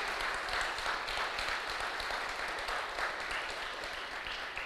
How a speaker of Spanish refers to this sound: Dile un fuerte aplauso al que vive. Aleluya.